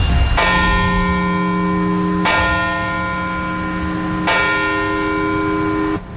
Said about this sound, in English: And in Baltimore County, leaders gathered in Parkville to commemorate the lives lost 25 years ago, those bells tolling at the exact times the two planes hit the Twin Towers.